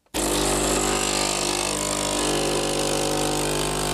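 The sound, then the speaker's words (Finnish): A typical espresso machine switches on abruptly and brews with a steady, loud mechanical hum and buzzing pump drone, unchanging through to the end, with no voices. “Tämä on tyypillisen espressokeittimen ääni.”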